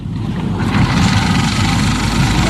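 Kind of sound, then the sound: machine, engine running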